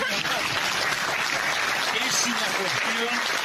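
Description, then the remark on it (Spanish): Steady applause from an audience fills the whole stretch, a dense wash of clapping at constant loudness, with faint voices murmuring underneath. “No dije la frase para que la aplaudan, pero me llama la atención.”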